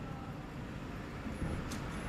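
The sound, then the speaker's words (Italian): Steady low engine and road rumble fills the cabin of a moving car, with a constant hum and a brief higher hiss near the end. No one speaks. “Sono in auto.”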